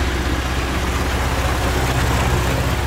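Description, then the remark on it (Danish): A tractor engine in South Funen, Denmark, runs steadily at a low idle, its deep rumbling drone loud, continuous and even throughout with no voices. “Traktor. Og i flertal traktorer i det sydfynske.”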